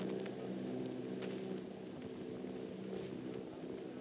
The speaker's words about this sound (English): The machines are close together now, and we're ready to attack. Planes circling, ready to strike.